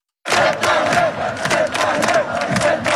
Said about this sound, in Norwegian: Rundt 100 000 mennesker samlet i Oslo sentrum for å feire at Norge vant 2-1 over Brasil, det opplyser politiet til NRK. Mobilsignaler viste først 90 000 mennesker rundt Karl Johan, men tallet steg da folk strømmet til fra Ullevål stadion.